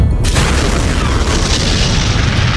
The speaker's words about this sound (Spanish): La explosión acabó de forma inmediata, con decenas de miles de vidas. Y en los meses siguientes morirían muchas más a causa de las quemaduras y la radiación.